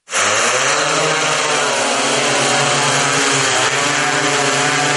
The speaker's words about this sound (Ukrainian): А це вже в роботі нічний дрон, оснащений тепловізійною камерою.